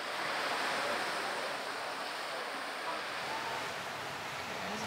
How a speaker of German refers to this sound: Die Brandung nimmt zu.